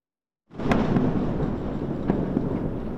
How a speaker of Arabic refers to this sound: دوي هز جنوبي لبنان لم يكن كأي دوي عابر، بل ارتجاجات سجلتها هيئة المسح الجيولوجي الأمريكية بقوة تعادل نحو 4 درجات على مقياس ريختر